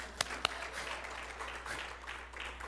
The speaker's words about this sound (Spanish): Le damos un aplauso al Señor por ella.